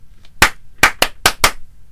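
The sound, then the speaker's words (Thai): Five sharp hand claps ring out loud, coming in an uneven burst with short pauses between them, over a quiet background with no talking. “ปรบมือล้างก่อน ปรบมือล้างปรบมือล้าง”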